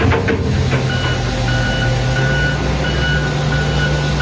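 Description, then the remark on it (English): Heavy machinery rumbles steadily in the morning on the Don Valley Parkway south of Bloor. Front-end loaders and street sweepers drone low with a continuous engine hum as they scoop up muck, tree limbs, leaves and debris left by Don River flooding. A faint high tone of reversing beeps sounds intermittently across the noise. “This time it's not thunder, it's front-end loaders and street sweepers still being used at this hour to scoop up the muck, the tree limbs and leaves and debris that was washed into the lanes when the Don River spilled its banks in that heavy rain.”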